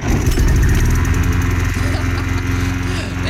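A small gasoline lawn mower engine drones steadily and loudly, its low harmonic hum holding constant with slight wavering throughout.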